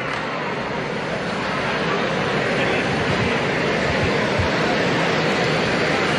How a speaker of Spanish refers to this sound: todavía aplauden al expresidente Uribe acá en el escenario sin que todavía entre.